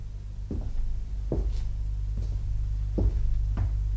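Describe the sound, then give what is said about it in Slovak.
A door opens by itself with a series of short wooden clunks and knocks spaced across a few seconds, over a steady low hum with no one speaking. “Zasa dvere?”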